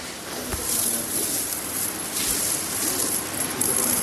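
Continuous metallic clinking and jingling as hands shuffle through a heap of freshly struck coins in a huge crate, steady, with brief brighter clatters scattered throughout and no voices.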